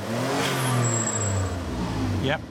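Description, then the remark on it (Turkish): A car engine revs loudly and steadily, its pitch rising and falling, then a quick hissing, fluttering whoosh of an aftermarket dump valve releasing at the end. “Damp valfi.”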